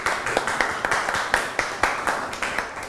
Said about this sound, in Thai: ดินสอไม้บรรทัดเก่งมากอบปรบมือให้กลุ่ม6ค่ะ